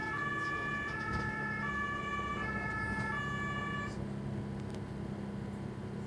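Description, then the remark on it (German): An ambulance siren wails in a steady two-tone pattern over a constant engine rumble, loud, as the ambulance drives along a beach promenade answering a lifeguards' emergency call, then cuts off abruptly, leaving only the vehicle's drone. “Auf der Promenade kann der Rettungswagen fahren.”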